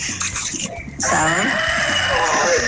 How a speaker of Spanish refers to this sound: ¿Sabes? Ese gallo ya está pidiendo olla, hermano.